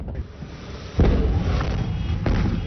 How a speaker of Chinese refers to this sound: 经调查发现，空地埋有铝合镁，遇水之后引发一连串大爆炸。 消防员还以为火势受控，不料突然大爆炸，